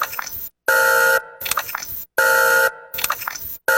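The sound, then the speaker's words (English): A squishy, buzzy alarm sound effect repeats in short loud bursts with brief silent gaps between them, cycling steadily about every second and a half with no voices. “Yeah, I was looking for squishy sound effects.”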